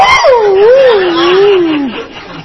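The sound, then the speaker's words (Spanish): A person imitates a dog whining in pain: one long, wavering whimper that dips and rises in pitch before sliding downward and trailing off, with no other sounds. “2 minutos y el perro ya no aullaba, se quejaba.”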